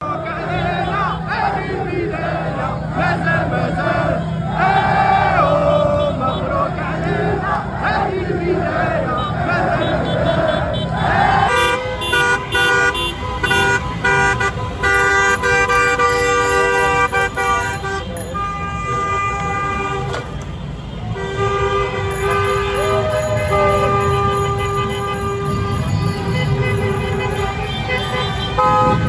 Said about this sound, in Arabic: ورصدت مقاطع الفيديو تدفق مشجعي أسود الأطلس وأبناء الجالية المغربية والعربية إلى الجادة الباريسية، حيث أغلقت سيارات المشجعين الشارع تماماً وسط أجواء من الفرحة العارمة.